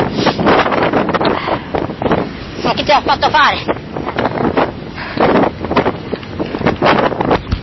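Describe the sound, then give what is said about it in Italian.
Strong wind from a blizzard buffets the microphone outdoors in the middle of a field in bitter cold, a constant low rumbling roar with gusty surges throughout, while a man speaks over it. “Sentite il vento?”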